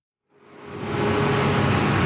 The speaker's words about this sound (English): It's noon on a Tuesday in my neighborhood in Bogota. Garbage bags line the streets, and you can hear the garbage truck coming down the hill.